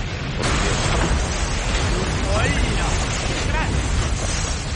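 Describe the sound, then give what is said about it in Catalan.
A large explosion of a warship in the port of Havana in February 1898 erupts into a loud, sustained roaring rumble that fills the whole space and keeps going for several seconds, with faint higher tones flickering through the noise. “De cop, es produeix una gran explosió.”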